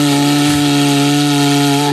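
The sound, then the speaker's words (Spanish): A cuerno bocinero, a Basque horn played by vibrating the lips rather than blowing, sounds one long, loud, buzzy note, holding a steady low pitch for about two seconds before stopping abruptly. No one speaks. “si alguien quiere hacer una demostración de cómo se toca el cuerno bocinero dignamente”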